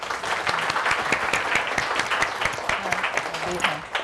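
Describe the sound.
An audience claps steadily for about four seconds, a dense and fairly loud patter of many hands, with a voice faintly speaking underneath, welcoming the owner of a Thai dressmaking school at a fashion sewing session.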